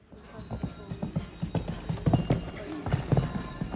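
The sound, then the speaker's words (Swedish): Horse hooves clip-clop in a steady, repeated rhythm, moderately loud, with a faint murmur of background voices beneath the footfalls, at the Åland show jumping championships at Himyra farm on Saturday. “De åländska mästerskapen i hästhoppning var under lördagen.”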